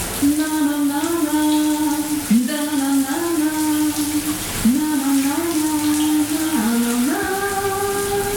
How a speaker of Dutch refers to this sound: De kraan gaat stromen. Hier jongens, lekker warm.